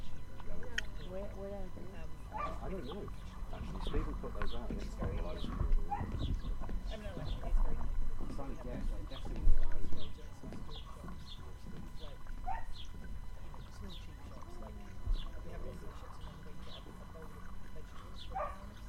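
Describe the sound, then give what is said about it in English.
Outdoor waterside ambience from a microphone looking out across a bay: a steady low rumble of wind and water, with voices, faint animal calls and occasional knocks. “And we've got nice, just the microphone looking out across the bay.”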